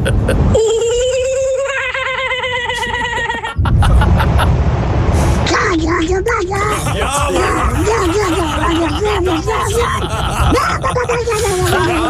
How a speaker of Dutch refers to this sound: Dit is een vogel uit Australië, de kookaburra. Komt ie aan.